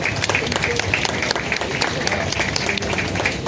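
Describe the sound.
A steady wash of audience applause, many hands clapping densely and evenly at a constant loud level for a few seconds, with faint voices mixed into the crowd noise.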